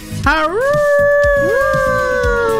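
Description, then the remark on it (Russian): A person imitates a wolf howl with a long, loud, rising wail that holds steady, and a second howling voice joins partway through, the two overlapping. “Да, воем волком. Мой волк сразу подключается.”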